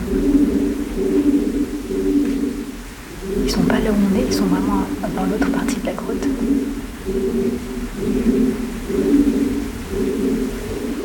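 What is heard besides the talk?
pigeons cooing echoing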